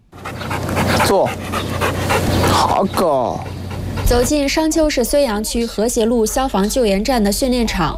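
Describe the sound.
A working dog pants loudly and rapidly up close, then breaks into a string of high, wavering whines and yelps over several seconds, with human voices faintly in the background.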